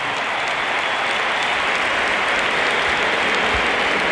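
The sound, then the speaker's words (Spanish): A large stadium crowd gives a sustained ovation as footballer Dani Carvajal comes on as a substitute for Alexander-Arnold, dense applause and cheering roaring steadily throughout without pause, loud and broad like thousands clapping at once. “Aplausos para Bellingham y ahora vamos a escuchar la ovación que se va a llevar Carvajal porque sale por tren Alexander Arnold.”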